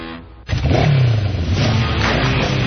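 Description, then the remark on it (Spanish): A motorcycle engine roars to life after a brief quiet moment, revving loudly, its pitch swelling and then holding in a steady, throaty drone. “Este verano se disfruta mejor sobre una moto Vento.”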